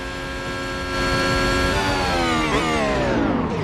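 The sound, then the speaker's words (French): A racing car engine accelerates hard on the Monza circuit, reaching about 100 km/h, its loud, buzzing roar climbing steadily in pitch and growing louder after the first second, with no voices. “Je peux démarrer ? Oui, allez, accélérer.”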